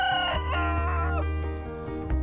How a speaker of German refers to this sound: Gleich daneben gackern die Hühner.